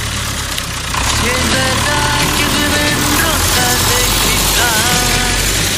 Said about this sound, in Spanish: Arrancamos el tractor Nahuen como nos pide siempre nuestro querido amigo.